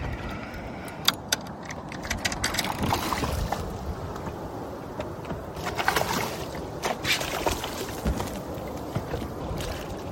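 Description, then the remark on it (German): Fishing gear rattles and clicks on a small boat as a barracuda is reeled in on a fishing line and brought into the boat, with scattered sharp knocks and splashy water noise over a steady outdoor rumble; nobody speaks. “kämpft trotzdem etwa länger mit dem Fisch, bis er ihn ins Boot einholt.”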